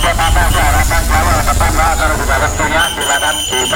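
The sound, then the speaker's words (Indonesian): Heavy bus engines idle with a steady low rumble, layered with the busy murmur of many passengers talking, a constant loud hubbub throughout, at Terminal Purabaya bus terminal in Surabaya, where hundreds of buses come and go every day. “Hiruk pikuk para penumpang dan kendaraan bus ini terjadi di Terminal Purabaya, Surabaya.”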